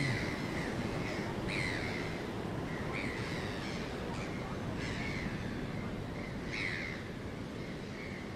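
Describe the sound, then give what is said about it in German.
Seagulls call repeatedly at the North Sea, harsh squawking cries coming in irregular bursts over a continuous, steady noisy background. No one speaks. “Ach, diese Möwen.”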